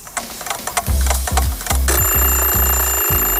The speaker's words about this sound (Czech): Ruku na srdce, vyskočíte každé ráno po prvním zazvonění budíku, nebo ho pětkrát odkládáte a každých 5 minut si říkáte ještě chvíli.